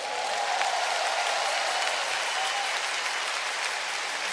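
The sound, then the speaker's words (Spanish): An audience applauds for Christ during worship on the Minuto de Dios radio station, a dense wash of many hands clapping at once that holds at an even, loud level throughout, with no one speaking over it. “Ahora dale un aplauso a Cristo.”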